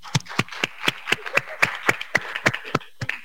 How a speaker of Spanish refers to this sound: Un fuerte aplauso, por favor.